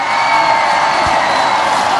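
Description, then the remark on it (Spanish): A large crowd claps and cheers loudly and steadily for Mexico, a dense wash of applause with whoops and shouts mixed in, sustained at full volume throughout. “Un fuerte aplauso para México.”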